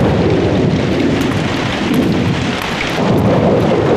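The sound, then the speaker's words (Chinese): Heavy rain pours down outside in a steady, loud, unbroken wash, with a deep low rumble underneath like thunder; no one speaks. “外面在下雨，你这是要出去啊？”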